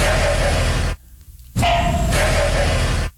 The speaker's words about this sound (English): Sounds just like a dog. Now, this is especially common in July down there in Woodlands, Texas. That's when frogs in that neighborhood, they fold each other in half. Also, it typically happens after a lot of rain.